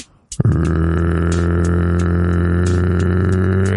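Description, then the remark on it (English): A voice imitates a big bullfrog of North Texas with a single long, deep, guttural croak, a loud, buzzy low drone held steadily for about three seconds after a short click at the start. “you sound like a croaking frog, like a big old bullfrog in North Texas, the kind that go...”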